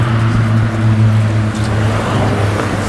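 A car engine hums steadily, its low drone holding for a couple of seconds before easing off as it moves past on the street, with no voices.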